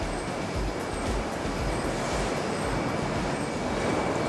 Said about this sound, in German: Hier siehst du jetzt das Waschen. Ja. Das Waschen der Möhren. Die werden also ganz intensiv gesäubert. Das Wasser läuft über die Möhren. Und dadurch werden die sauber, dass die aneinander reiben und Wasser dazu läuft.